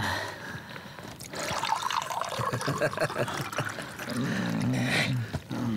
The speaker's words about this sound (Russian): Налей-ка попу полный стакан водки.